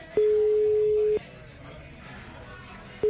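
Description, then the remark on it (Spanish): A phone line's ringback tone while calling the organizer of a party: one steady electronic beep lasting about a second, then a quiet pause before the next beep begins. Clear and fairly loud, with no voices. “¿Tienes el teléfono? Tengo el teléfono. A ver, llámale.”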